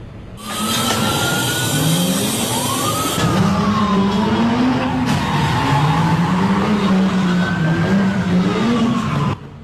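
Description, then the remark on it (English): Loud car engines rev and rise in pitch repeatedly at a street takeover on Whittier Boulevard in Los Angeles around 11 p.m., sweeping up and down with a harsh, continuous roar and some screeching, dense with no speech throughout, as someone cuts through a pharmacy's metal gate. “You can hear those engines revving down the street as someone cuts through the metal gate here at Lorena's Pharmacy.”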